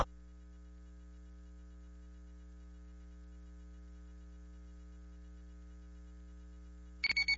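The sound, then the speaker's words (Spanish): A steady low electrical hum runs throughout, then an alarm clock suddenly starts ringing at the very end in loud, rapid repeating pulses, with no one speaking. “¡Pero qué buena alarma tengo!”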